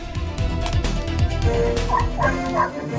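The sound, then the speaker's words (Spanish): Six puppies joining the National Civil Police canine unit of the Antinarcotics Division bark and yip in quick, overlapping bursts, with high-pitched whines and squeals mixed in, steady throughout over a busy background. “la Policía Nacional Civil incorporó 6 cachorros que formarán parte del proceso de entrenamiento de la Unidad Canina”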